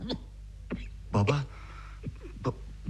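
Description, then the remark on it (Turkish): A series of short, harsh coughs from a sick father at irregular intervals, with one louder, fuller cough near the middle, standing alone against a faint low hum. “Baba sen hastasın galiba. Sık sık öksürüyorsun.”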